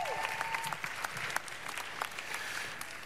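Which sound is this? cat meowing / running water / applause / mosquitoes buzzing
applause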